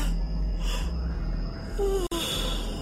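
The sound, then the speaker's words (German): A woman rubs her eyes and yawns: a long, breathy intake of air that ends in a brief voiced, falling tone, over a steady low background hum. “Sie rieb sich die Augen und gähnte.”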